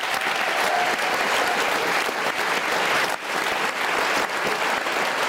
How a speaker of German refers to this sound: Dieser Talk ist immer, wir stehen hier vorne und kriegen den Applaus, aber die machen die tolle Arbeit. Vielen Dank dafür.